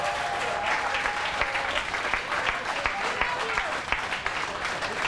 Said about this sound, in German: So, großen Applaus für Stack noch einmal, bitte.